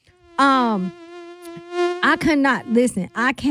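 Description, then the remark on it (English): A voice imitates a mosquito with a loud, steady, high buzzing whine that lasts over a second, followed by a burst of quick, animated speech. “You don't even pay attention how badly you've been bitten by the mosquitoes until it's time to go to bed and you itching like you got the daggone chicken pox.”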